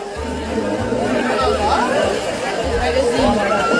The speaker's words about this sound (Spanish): Aquí estamos escuchando los gritos y las reacciones de la gente cuando ese hombre consigue salir del agua, pero el pez queda varado en la orilla y comienza a aletear a toda velocidad para tratar de volver a aguas más profundas.